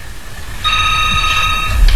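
A telephone rings once in the morning in a steady, bright electronic burst lasting about a second as a waiting caller on the phone line is connected, over a low background hum, with no one speaking.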